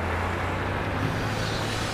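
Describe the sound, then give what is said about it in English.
Heavy machinery at work in a gravel pit in the Alpine foothills, with excavators and trucks producing a steady, loud diesel rumble and low droning hum that continues throughout without pause. “The region is home to a number of quarries and gravel pits, where excavators and trucks generate no end of noise and dust.”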